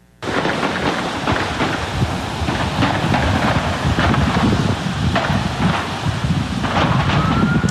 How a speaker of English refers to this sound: You can just hear the barrage of gunfire in a very short amount of time.